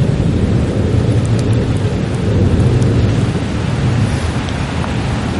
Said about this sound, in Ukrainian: Хай краще у нас гримить грім, блискавка, ніж ворожі вибухи.